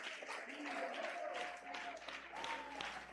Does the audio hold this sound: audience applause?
yes